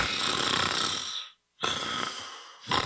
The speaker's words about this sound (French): Hey, réveille-toi, tu ronfles encore! Vos nuits ressemblent à ça? Le ronflement peut cacher un trouble du sommeil.